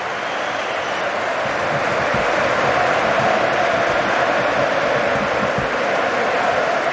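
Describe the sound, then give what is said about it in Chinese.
A large stadium crowd applauds steadily, a dense, continuous wash of clapping that holds at an even loudness for several seconds with no voices on top, as Manchester United's Casemiro, one of the match's goalscorers, is substituted off for Ugarte. “乌加特要换下卡塞米罗，消除一下黄牌的隐患，同时也提前换下这场比赛的进球功臣之一，接受一下全场的掌声。”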